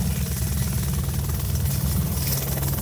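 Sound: aircraft engine noise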